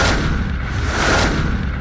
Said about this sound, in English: Should we get a bit of, should we start off with the sound effects? Let's use a little whoosh, you ready?